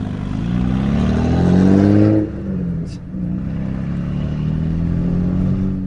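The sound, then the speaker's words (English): The deep V8 engine of an Australian GTS car in Carmine Red revs hard, its throaty roar rising loudly for about two seconds before dropping back to a steady, burbling rumble. No voices. “The Aussies love a V8, and this car has turned heads everywhere it's gone, not just because it's in the GTS Carmine Red, but also because of the noise it makes.”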